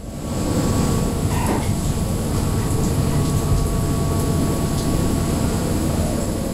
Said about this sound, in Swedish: Regnet slår mot däcket på det nederländska fartyget Pelagia